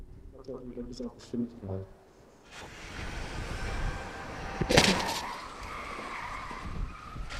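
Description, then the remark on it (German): A voice speaks briefly, then a truck roars in at 64 km/h and slams into a car used as a security barrier in a crash test on company grounds in Münster, with one loud crash, followed by scraping, grinding noise as the wreckage settles. “Crashtest auf einem Firmengelände in Münster. Kann das Auto als Sicherheitssperre funktionieren? Mit 64 Sachen rast der LKW auf die Absperrung zu.”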